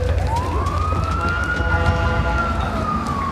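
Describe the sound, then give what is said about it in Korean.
A fire truck siren wails steadily as the fire truck arrives at the Neuron Science building, its tone sweeping slowly up and then holding, loud over a rumbling engine and low traffic noise. “소방차가 도착한다.”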